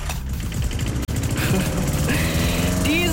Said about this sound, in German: Haben Sie ihn gehört? Unseren Rasenmäher, der hier einmal quer durch unseren schönsten Musikmix gebrettert ist.